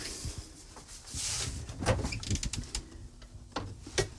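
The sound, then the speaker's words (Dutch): A refrigerator door is pulled open with a soft whoosh, followed by light clunks and rattles as a herb-coated dough ball is put back inside, then a dull thump as it shuts. “Zo, ik leg dat nu weer in mijn koelkast.”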